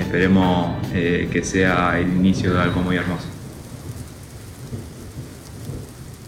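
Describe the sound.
Steady rain hisses with a low thunder-like rumble beneath it, first under a voice with a melodic, sung quality, then continuing alone as a dense, even downpour.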